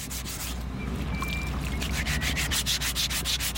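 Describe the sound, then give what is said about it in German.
A file rasps over a stone sculpture, bringing it to its final form, in quick, steady back-and-forth strokes, the gritty scraping growing more rhythmic and distinct toward the end, over a low constant hum. No one speaks. “Nach dem Feilen hat eine Skulptur ihre finale Form.”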